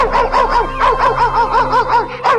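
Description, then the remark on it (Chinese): A dog named Heimao (Black Cat) barking insistently at someone, a quick, steady series of roughly ten sharp, mid-pitched yaps with almost no pause between them, loud and alone with no voices. “哎呦，这只狗干嘛一直对着我叫啊？”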